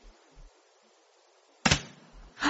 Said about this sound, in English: That's the front door. Mm-hmm. What? The front door's just closed. Then I suppose someone's just come in or gone out.